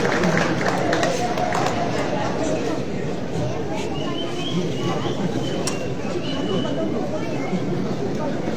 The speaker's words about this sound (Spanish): un fuerte y caluroso aplauso.